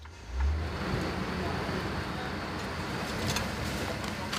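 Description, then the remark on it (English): A car drives steadily with a continuous engine hum and road rumble, a brief low surge near the start as it turns onto a street where a lot of industrial waste is dumped, and faint hiss and rattles throughout. “Now we're turning onto a street where a lot of industrial waste is dumped.”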